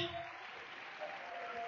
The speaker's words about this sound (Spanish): Dale un aplauso al Señor con todo su corazón, pero bien fuerte. Aleluya.